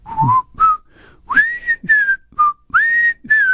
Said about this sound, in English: It's not easy to whistle through this windsock on my mic, but at least you can pick up on what I'm trying to do there.